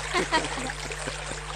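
River water flows in a steady, continuous rush that stays fairly even throughout, with a faint murmur of voices briefly surfacing near the start.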